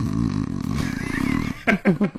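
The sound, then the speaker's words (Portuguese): A person imitates snoring with a long, low, rattling buzz lasting over a second, followed by three short, sharp snorting bursts in quick succession. “deve roncar, tem cara que... um barulho mais ou menos assim, ó.”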